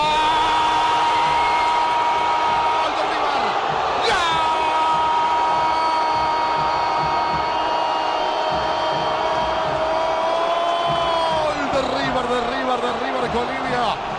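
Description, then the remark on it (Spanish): A stadium crowd at El Monumental roars loudly and without a break after Colidio scores a penalty for River against Ledesma, 17 minutes into the second half, while a voice holds a long, drawn-out shout over the din before it breaks off near the end. “Explota, estalla el monumental Colidio.”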